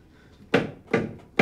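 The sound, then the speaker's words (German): Three firm knocks on a door, evenly spaced about half a second apart, each a loud, resonant thud that fades quickly, with no talking in between. “Hörst du das Klopfen? Ja, logisch höre ich das.”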